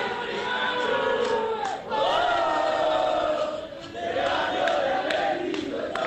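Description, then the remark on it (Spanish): About 200 football fans, with flags, a snare drum and light blue and black balloons, chant loudly and continuously outside by the team bus at the door. Many voices blend into a sustained roar with rising and falling sung phrases and brief dips in volume. “Habrá unos 200 hinchas, está el micro en la puerta. Mucha euforia, globos, celestes y negros. Escuchen.”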